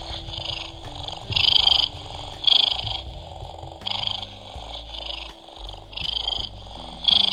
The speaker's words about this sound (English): Purring sound.